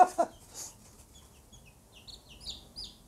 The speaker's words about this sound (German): vielleicht alles Hennen. Naja, ein Hahn brauchen wir auch.